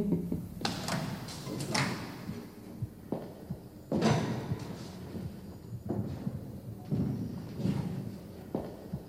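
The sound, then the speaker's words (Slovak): A door bangs shut several times in irregular succession, each a heavy thud with a short rattle, over a low, muffled room background with no one speaking. “Keby ste vy toľko dverami netrieskali, nemusel by som to večne dávať dokopy.”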